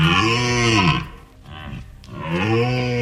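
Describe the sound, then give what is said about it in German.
A red deer stag roars twice, deep and loud, with a short, quieter rumbling grunt in the pause between the two long bellows. “das war ein Hirschebrüllen”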